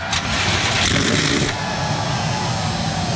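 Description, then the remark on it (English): A loud, dense roar of 37 NASCAR Cup Series stock car engines firing up together at Richmond Raceway before the Cookout 400, a broad burst of revving that settles into a steady, throaty rumble. “The command has been given. 37 NASCAR Cup Series cars come to life.”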